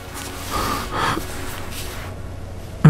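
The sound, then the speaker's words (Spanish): A man snoring softly while resting, with two or three raspy, drawn-out breaths in a slow rhythm, then a quiet pause. No one speaks. “Por favor, déjelo descansar en paz. Está roncando.”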